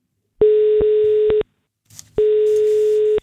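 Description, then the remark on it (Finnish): Two long electronic ringback tones, each about a second long with a steady pitch, separated by a short gap of quiet line noise, as Radio 957 phones a listener who has won a prize. “Nyt on aika soittaa yhdelle, joka tämän 30 euron arvoisen lahjakortin itselleen saa.”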